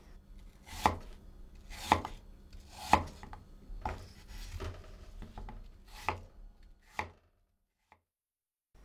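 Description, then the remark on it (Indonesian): A knife chops through an unpeeled apple with its seeds removed on a cutting board, cutting pieces about 1 cm thick, about seven or eight firm thuds at a steady, unhurried pace, ending in silence. No one speaks. “Potong lagi potongan apel tadi hingga berukuran tebal sekitar 1 cm.”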